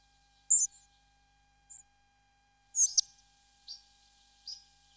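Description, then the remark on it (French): Short, high-pitched calls of pied flycatchers ring out in scattered bursts, a few sharp clustered notes followed by softer single calls, against a quiet background with no talking. “Les gobe-mouches noires qu'on entend ici, et qui sont vraiment très très communs.”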